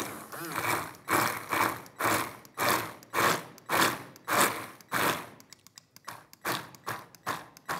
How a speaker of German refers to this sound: Und dann gehe ich, keine Angst wegen der Kerne, mit dem Mixer einmal kurz an den Kollegen und dann...